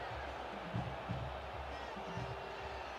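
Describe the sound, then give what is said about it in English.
A large stadium crowd at a football game roars in a steady, dense wash of noise after seeing a replay, with a few brief low swells rising out of the sustained din. “Well, we'll take the 11 yards, and you hear what the crowd has to say.”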